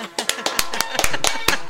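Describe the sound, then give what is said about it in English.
A person attempting a slow clap claps hands in a short burst of about eight sharp, crisp claps at an uneven, fairly brisk pace, over a steady low background hum. “Maybe if I do a slow clap.”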